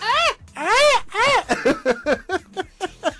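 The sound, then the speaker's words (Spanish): A man attempts a Mexican grito: three loud, arching falsetto yells followed by a quick string of short, choppy yips, strained, with no talking over it. “que seas mexicano y no sepas echarte un guaco”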